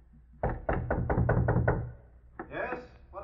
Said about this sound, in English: We wear masks and disguise our voices. About midnight, we knock on the door and say it's the bellboy. When they open up... Okay, knock.